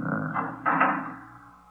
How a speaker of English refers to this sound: Just a moment. Till I close the fire door.